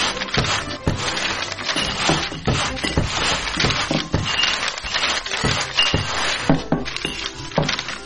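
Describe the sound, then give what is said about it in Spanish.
Repeated clinks and knocks of glass bottles being gathered as children clean up litter, an irregular busy clatter with rustling debris, continuing steadily without talk. “¡Encontré otra botella!”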